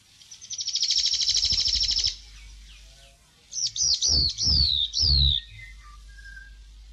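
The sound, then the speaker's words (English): Whitehead (pōpōkotea) birdsong: a bright buzzy trill lasting about a second and a half, then a short pause and four sharp descending whistled notes in quick succession, clear with no talking. “Pōpōkotea, the Whitehead, RNZ National.”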